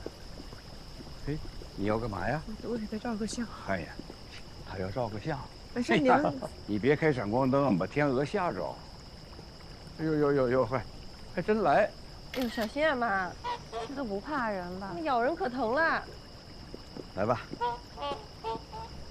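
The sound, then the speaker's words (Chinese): Steady, high-pitched insect chirping hums continuously through an outdoor scene by a large lake, with people talking excitedly over it in bursts. The insect drone stays constant and moderately loud throughout. “哎呀，这边，哎呀，哎呦，这么大一个湖啊！”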